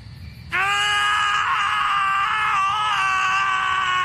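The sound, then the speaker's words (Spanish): Two men, the protagonists of the film Harold and Kumar, let out a loud, sustained scream that bursts in abruptly after a brief quiet moment and holds steady, piercing, until the end. “Sí, ahí están gritando nuestro par de protagonistas como agradecimiento por toda la publicidad gratuita que les dio la película White Castle.”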